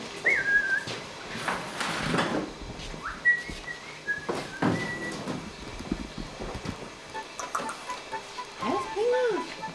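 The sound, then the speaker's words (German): A magpie in a kitchen gives a few short, clear whistled notes amid clattering household noise, with voices murmuring and a lower swooping call near the end. “Ich meine, Banane ist ja nicht so das Elsterfutter, aber ich möchte ja auch kein Stück Fleisch geben.”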